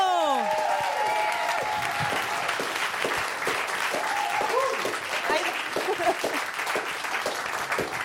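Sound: studio audience applause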